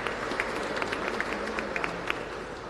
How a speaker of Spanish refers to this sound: Felicidades. Un aplauso.